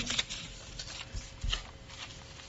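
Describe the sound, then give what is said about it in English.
Paper crinkles and rustles as a sheet is unfolded, with several crisp, irregular crackles over a couple of seconds and no talking. “I'll unfold this paper here.”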